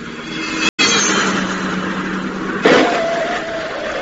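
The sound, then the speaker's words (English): A stolen car's engine roars loudly and steadily at speed as it escapes through side streets, with a brief break early on and a shift in engine note partway through. No one speaks. “Stolen car believed to be escaping through side streets.”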